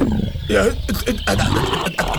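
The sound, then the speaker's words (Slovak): A bear roars loudly, a rough, growling bellow that rises and rumbles continuously for about two seconds with a gravelly, throaty texture. “Čo tu robí ten medveď? Medveď, to je naozaj s tým medveď!”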